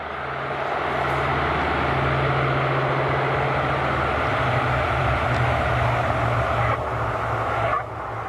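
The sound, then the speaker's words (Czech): A loud, steady airplane engine drone with low humming tones that rise and hold as the plane arrives for passengers to board for a flight to the Sahara desert, ending with a brief clatter; no voices. “Tak letadlo je tu, Ušoune. Nastupujeme.”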